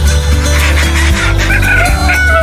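A rooster named Godofredo crows loudly, a drawn-out, wavering call over a steady low rumble of background noise, with no one talking.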